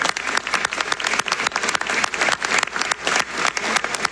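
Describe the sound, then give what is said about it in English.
A crowd claps steadily for a Franco-Ontarian roofing company and its 350 workers, a dense wash of many hands applauding at once with no pause, fairly loud throughout. “You are a true Canadian success story and a big round of applause to you and the 350 workers.”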